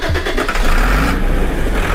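A large tractor engine drives over farmland at harvest time in Stavropol, southern Russia, a loud, steady diesel rumble with heavy low-end throb and a slight rise in revs, continuous throughout with no voices.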